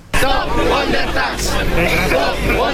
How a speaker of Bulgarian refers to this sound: С викове свалете данъците, фермери от няколко страни на Европейския съюз се събраха пред Европарламента тази сутрин и блокираха движението към него.